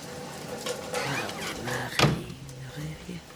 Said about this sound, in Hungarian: Zárja be az ajtót.